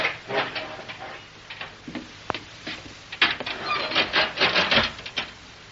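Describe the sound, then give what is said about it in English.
An elevator door is yanked open with a rough, rattling scrape: uneven grinding bursts, a sharp click midway, then a louder stretch of clattering metal sliding along its track. “Yeah, we have to yank this door open, don't we?”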